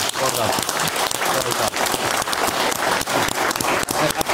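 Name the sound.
audience applause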